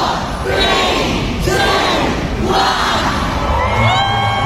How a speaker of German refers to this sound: Und das wird jedes Jahr genau in London am Bahnhof groß gefeiert. Auch heute Vormittag haben sich abertausende Harry Potter Fans dort versammelt und haben kurz vor 11 den Countdown gestartet.